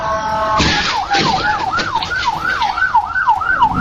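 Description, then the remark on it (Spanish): An emergency vehicle siren wails in a fast, repeating up-and-down pattern, loud, over steady road traffic noise. A short blaring horn-like tone opens the sound. “Recuerde que en todos lados a los servicios de rescate se les debe dar el pase.”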